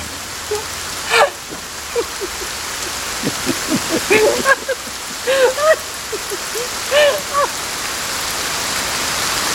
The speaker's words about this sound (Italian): Piove.